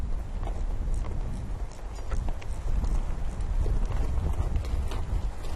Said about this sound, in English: Nomads are busy herding their horses. The horses have grown big and strong in the abundance of summer.